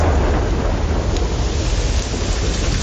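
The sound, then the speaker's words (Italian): Heavy rain pours down in a loud, steady roar, with a deep rumble beneath it like a thunderstorm, brought by an Atlantic anticyclone followed by an African one. No voices are heard. “Piove.”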